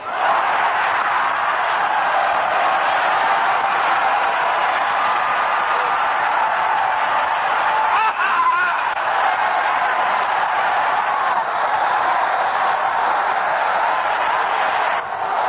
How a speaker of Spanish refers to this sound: Vamos a dar un gritito de clamor. Voy a señalar y van levantando la mano y dando un gloria a Dios. ¡A su nombre!